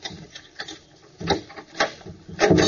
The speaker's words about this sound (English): Now, open up the door.